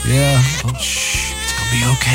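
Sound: infant crying at night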